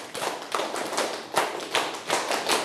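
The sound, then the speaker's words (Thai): A group of students claps together ten times in a steady, fairly quick rhythm, each burst of hand claps sharp and bright but slightly ragged as the many hands fall out of sync. No one speaks. “ทั้งหมดปรบมือ10ครั้ง”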